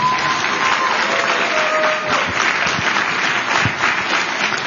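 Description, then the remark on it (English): A crowd at an HHS event claps steadily for several seconds in a round of applause for Kyle Diamantis, dense and sustained at an even loudness, with a faint whistle or tone running briefly through it. “Can we get one more round of applause for the man who has reminded the world that there's an F in FDA, Kyle Diamantis?”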